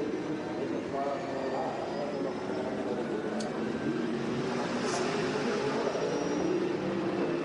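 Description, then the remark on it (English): A racing car engine drones steadily at low, restrained revs as the driver nurses the car home to save fuel, a continuous rumbling hum with no sharp revving or gear changes, for several seconds. “Well, he's certainly not going on full revs, is he?”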